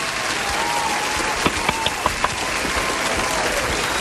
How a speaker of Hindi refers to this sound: चलो भाई बच्चा पार्टी के लिए तालियां हो जाएं. तालियां.